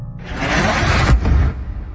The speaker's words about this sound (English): The explosion when the missile hit the school.